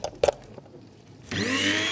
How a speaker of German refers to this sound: Und dann hier noch meine elektrische Kaffeemühle. Damit mahle ich immer meine Kaffeebohnen klein. Stecker rein.